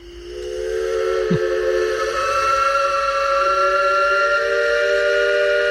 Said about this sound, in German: Kann man nicht überhören. Ja, und dieses Pfeifen von einem Elbe-Schaufelraddampfer, das kennt man. Das kennt man auch nicht nur in Dresden oder in Pirna, Rathen, Bad Schandau. Das ist weit über Sachsens Grenzen hinaus bekannt